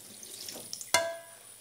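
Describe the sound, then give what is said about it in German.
A small splash of water is poured into a metal casserole that already holds a little milk, giving a sharp burst followed by a brief ringing tone. Faint background noise precedes it, and the splash is fairly loud. “Ein kleiner Schluck Wasser.”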